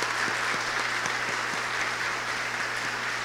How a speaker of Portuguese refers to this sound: Isso, uma salva de palmas.